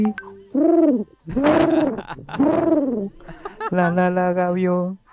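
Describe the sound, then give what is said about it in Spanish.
A person mimics a seagull's cry with their voice, giving several loud, arching, wailing calls in a row and ending on a longer held squawk. “Y la gaviota, cuando se asoma, le hace así.”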